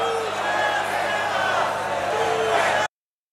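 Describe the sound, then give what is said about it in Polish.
An audience at a live show shouting at once in a dense, steady roar, each person shouting something different, with a few higher drawn-out yells rising above the mass for nearly three seconds before it cuts off abruptly. “Co krzyczycie? Wypierdalać? Strasznie cicho. Każdy krzyczy co innego.”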